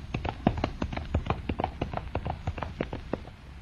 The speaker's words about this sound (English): Look, he's dashing right into the flames. The horse. He's going right into the burning castle!